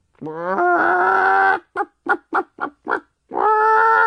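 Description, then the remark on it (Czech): A hen clucks: one long, drawn-out call, then a quick run of five short clucks, and another long call to finish, loud and clear with no talking. “První přišla slepice.”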